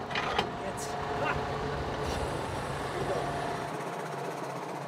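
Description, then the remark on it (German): A tractor engine runs with a steady, loud rumble while the hydraulics raise and lower the coupling triangle on the tractor, with a few sharp clicks and knocks in the first seconds and a faint whine over the drone. “Carsten kann das Koppeldreieck am Traktor hoch und runter fahren.”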